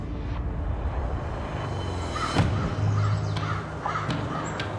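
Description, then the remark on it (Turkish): A few harsh caws from crows or magpies flying over a valley ring out at intervals over a steady outdoor background hiss, moderately loud, with no one speaking. “Saksanların ya da kargaların uçtuğunu gördüğünüzde bu genellikle tek bir şey anlamına gelir.”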